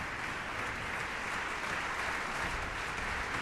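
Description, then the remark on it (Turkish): Sustained audience applause after a concert as soprano Anna Wisbiczka returns to the stage and eight cellists stand, a dense, steady wash of many hands clapping at an even loudness throughout, with no voices standing out. “Sanatçı Anna Wisbiczka alkışlar eşliğinde tekrar sahneye geldi.”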